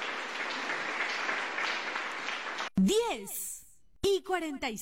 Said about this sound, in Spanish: ¡Aplauso para Cristo Jesús!